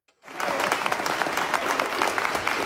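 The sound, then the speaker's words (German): Sudden burst of sustained applause from a large crowd in a hall of the Nuremberg Palace of Justice at a conference of the International Academy Nuremberg, as news from Oslo of Navi Pillay's Nobel Peace Prize is announced; dense rapid clapping starts abruptly after a brief silence and holds steady throughout. “Als die Nachricht aus Oslo bekannt wird, brandet spontaner Applaus auf und dann sogar kurzer Jubel, als die neue Friedensnobelpreisträgerin den Saal im Nürnberger Justizpalast betritt.”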